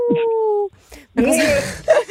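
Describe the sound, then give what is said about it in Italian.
A person imitates a wolf howl with a short, sustained tonal cry of "Au!" as part of an Italian good-luck wish, "in bocca al lupo", followed by voices talking and reacting. “Il mio in bocca al lupo è speciale, senti? Au!”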